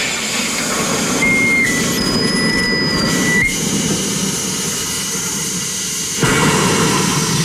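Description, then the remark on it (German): A home soda maker carbonating a bottle locked into the machine as a lever is pressed: a loud, steady rush of hissing gas with thin high whistling tones early on, shifting in strength partway through and surging again near the end. “Das ist das Schließen des Apparats mit der Flasche. Und dann muss ich hier einen Hebel betätigen.”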